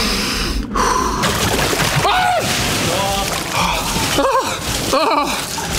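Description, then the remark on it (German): Sharp, strained gasping breaths, several in a row with rising voiced whimpers, as someone lowers shoulder-deep into an ice barrel of water, with faint splashing and sloshing water underneath, loud. “Du atmest jetzt einmal tief ein und dann langsam aus und dabei gehst du tief.”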